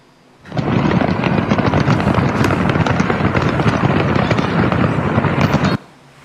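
A dense, continuous barrage of fireworks explosions from a fireworks factory blowing up in a town in southern China, crackling and popping rapidly for about five seconds, loud, with no speech, then cutting off abruptly.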